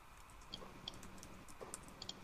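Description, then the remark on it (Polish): A computer mouse clicks about six times at uneven intervals, the clicks short and crisp, over a steady low background hiss with no one talking. “Też klikasz.”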